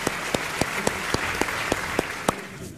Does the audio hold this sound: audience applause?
yes